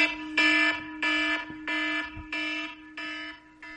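A loud, harsh alarm buzzer sounds in a steady series of about five pulsing blasts, each with a brief gap between, ringing insistent with no voices.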